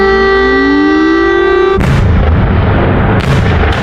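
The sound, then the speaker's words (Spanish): Air raid sirens sounding over Kyiv, Ukraine, during a night of Russian drone and missile attacks: a loud, rising siren wail for about two seconds before heavy booming blasts cut in, followed by rumbling and a second sharp burst near the end. “Durante toda la noche las sirenas han sonado sobre la capital ucraniana y las columnas de humo han brotado en toda la ciudad.”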